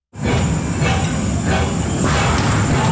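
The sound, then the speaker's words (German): A steam tram, running again through the city of Bern, Switzerland, after a year of overhaul, rumbles steadily along with low mechanical churning and broad rushing noise, faint periodic swells around every half second, and a thin high whine above; no voices. “Das Dampftram ist nach einem Jahr Revision jetzt wieder in der Stadt Bern unterwegs.”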